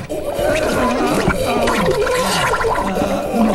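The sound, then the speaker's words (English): Loud, continuous wet splattering and gurgling of someone defecating into a toilet bowl, with warbling, strained bubbling tones running throughout for a few seconds and no talking. “Who does number two work for? That's right, buddy. You show that turd who's boss.”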